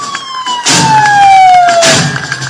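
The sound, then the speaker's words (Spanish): An Iveco Magirus fire truck with a 4,000-litre water capacity, designated P5, sounds its siren loudly. The steady descending tone sweeps down, two bursts of a harsher air-horn-like blast are layered over it, and engine rumble sits beneath. “es un carro Iveco Magirus con capacidad de 4.000 litros de agua, denominado P5.”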